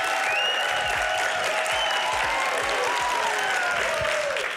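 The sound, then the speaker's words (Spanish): A crowd applauds steadily throughout for the entrance of physicist José Luis Crespo (Quantum Fracture) on a show, a dense, even wash of clapping with scattered cheers and whistles rising above it, loud and sustained without a break. “Y han dicho que te aplaudan más que a nosotros.”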